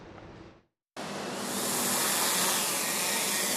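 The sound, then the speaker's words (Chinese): A Hong Kong police drone used for traffic enforcement in West Kowloon takes off after a brief silence, its rotors building into a loud, steady, hissing buzz that holds constant. A shorter burst of similar noise comes before the gap. “香港警方本月内展开全港交通执法行动，加强利用无人机协助监察，重点打击不专注驾驶行为，提升执法效率和灵活性。”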